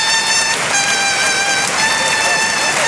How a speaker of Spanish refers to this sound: Gran ovación para Luis Blázquez, montera en mano a la altura de la puerta del Príncipe. Le aplaude Borja Jiménez, la plaza en pie. Son los banderilleros, los compañeros. Los compañeros le aplauden, 30 años de honestidad.